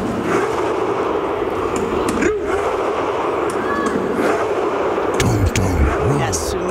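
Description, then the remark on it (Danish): A loud stadium crowd at the World Championship shouts together in a steady, dense roar, performing the Norwegian team's viking chant after a win, with the players on the pitch shouting, drumming and rowing along; a few sharp drum hits cut through near the end. “Det er jo spillerne selv, der sidder inde på banen også og råber og trummer og roer med.”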